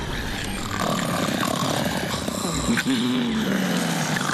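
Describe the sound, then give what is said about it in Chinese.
Three sleeping alligators snoring: a steady, raspy low rumble runs throughout, with a droning, wavering groan rising and sliding down in pitch toward the end. No one speaks. “听到了，就在那边有三只睡得很香的短吻鳄，我能听到它们在打呼噜。”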